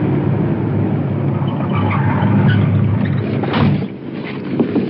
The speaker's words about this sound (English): The suspect is moving his car over the curb. Stopping.